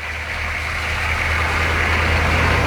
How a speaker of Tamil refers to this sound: அடுத்த நாள் சூரியன் உதிக்கும் முன்பே ஒரு லாரி வந்து நின்றது.